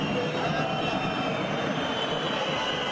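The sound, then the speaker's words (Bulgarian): A large stadium crowd of Botev football fans whistling and booing in a steady, dense roar during a video review in a match against Lokomotiv Plovdiv, with no single voice standing out. “Гитката на Локомотив е затихнала, докато от тази на Ботев се чуват освирквания.”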